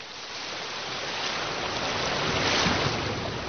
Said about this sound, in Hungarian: Hallgasd a tengert!